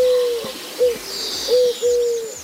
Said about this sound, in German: Das ist eine Türkentaube. Heißt wirklich so, klingt ein bisschen anders als normale Tauben. Türkentaube, super. So, klingt ein bisschen wie ein defektes Nokia-Handy.